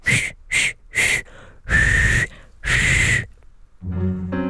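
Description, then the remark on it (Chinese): A voice imitates a frog waiter whistling, with a series of short, breathy whistled notes, two quick chirps then longer drawn-out tones, ending in a low hummed note, fairly loud. “说着，那青蛙服务员就吹起口哨来。”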